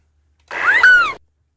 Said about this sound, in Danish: Jeg siger, det er en måge. Det er en meget lille lyd, vi får af mågen, synes jeg.